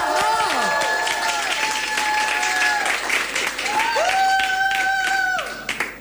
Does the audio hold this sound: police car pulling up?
no